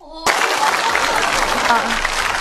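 A burst of crowd applause for a young boy starts abruptly and holds steady, a dense, continuous wash of many hands clapping at even loudness with no one speaking over it.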